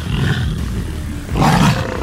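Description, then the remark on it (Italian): A tiger roars, a loud, rumbling growl that surges twice, with the second burst swelling even stronger and deeper before cutting off. No one speaks. “Ma è una tigre!”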